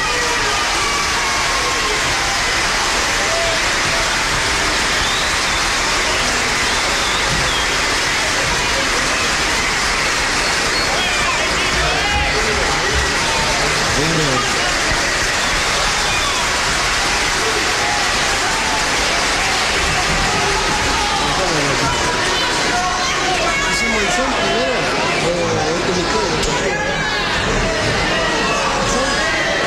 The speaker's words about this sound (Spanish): Vamos a invitar con el aplauso a ustedes